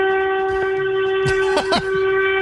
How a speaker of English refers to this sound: That's a horn.